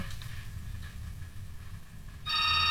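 Low, muffled telephone-line hiss of a listener's incoming phone call runs for a couple of seconds, then a loud, steady electronic phone tone abruptly cuts in and holds to the end as the call drops.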